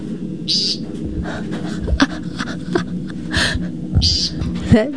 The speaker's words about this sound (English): The American woodcock. I used to think that was like a spring peeper, like a frog. Yeah, it doesn't sound like a bird.